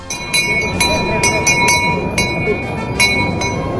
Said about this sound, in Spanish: Es la campana de los Niños Carrancanos abriendo el cortejo de la procesión del Corpus.